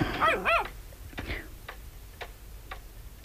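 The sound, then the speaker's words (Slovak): A dog gives a couple of quick, high yelping whimpers at the start, then falls quiet while a steady, clock-like ticking continues at an even pace in the quiet. “Čo to počujem? Kamarát ti priviedol psa.”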